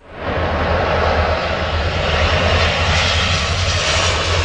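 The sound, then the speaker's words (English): A water bomber aircraft loading up over the Seine River near Paris, France, during a wildfire; a loud, steady engine roar fills the whole clip, a broad rushing drone with a low throbbing hum underneath, rising in quickly at the start and holding constant with no voices. “A water bomber loads up over the Seine River near the French capital.”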